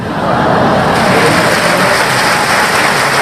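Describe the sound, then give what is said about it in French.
An audience applauds the 'mamie shower' bit in a dense, steady wash of clapping that stays loud and even for about three seconds, with no voices standing out. “La mamie shower, ça s'applaudit quand même.”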